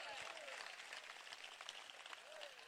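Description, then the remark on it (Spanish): A church audience applauds in a sustained burst of dense, even clapping, with a few faint voices mixed into the crowd noise. “Dele fuerte ese aplauso hacia para él.”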